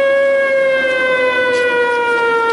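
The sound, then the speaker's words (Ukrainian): An air raid alert siren sounds during filming, wailing in a loud, steady tone, its harmonics holding a sustained pitch that drifts slowly downward, with no voices over it. “Під час зйомки лунає тривога.”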